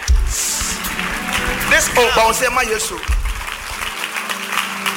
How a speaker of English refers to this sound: Somebody rise up and wave your two hands and say, Jesus. Clap for Jesus.